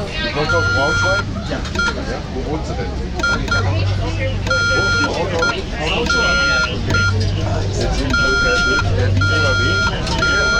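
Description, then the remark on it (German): A steady mid-pitched beeping tone switches on and off in short and long bursts of uneven length, hand-keyed Morse code being practised with amateur radio operators, with people talking underneath and a low rumble throughout. “Morsen machen nur noch die Funkamateure und das Militär.”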